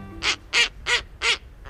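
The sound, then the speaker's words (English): A snowy owl calls: four loud, harsh, raspy barks in a quick, even rhythm, followed by a fainter fifth note, with no voices. “Snowy owls are glamour birds.”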